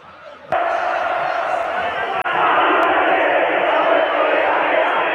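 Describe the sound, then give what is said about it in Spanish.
Belgrano football fans and players chant together as players celebrate the championship in a Flecha Bus convertible in front of their stand; a dense, loud crowd roar kicks in abruptly after a brief quieter moment and continues steadily, unbroken, with many voices blending. “Esos son los hinchas y los jugadores cantando.”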